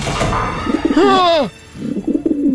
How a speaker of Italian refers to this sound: Scelta che sarà fatale, perché i piccioni fuori dalla finestra non sono piccioni amichevoli, è un'imboscata.